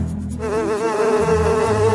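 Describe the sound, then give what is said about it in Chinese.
A steady insect buzz, like a swarm of bees droning, with wavering wingbeat tones that thicken and sustain after a brief rustle at the start. “蜜蜂们好像受到那个黑影指挥一样，让出了一个缺口，让达海走出来”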